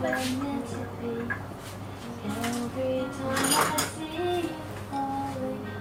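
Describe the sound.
Several sharp knocks of a sharp knife on a cutting board as someone cuts vegetables, spaced irregularly, with kitchen-utensil clatter and a steady hum of background voices or music underneath.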